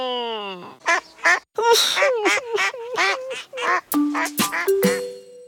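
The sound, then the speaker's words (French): A voice makes a quick run of nasal, duck-like quacks, fairly loud, in choppy bursts with short gaps: Toudou, a cuddly toy whose nose is so blocked it gives him a duck voice. “Pauvre Toudou, il a le nez tellement bouché que ça lui fait une voix de canard.”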